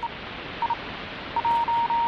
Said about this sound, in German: Am Anfang gab es nichts als Morsezeichen.